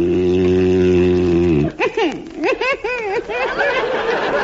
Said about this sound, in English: You're whistling. I know I'm whistling. It's the only way I can stop you from snoring.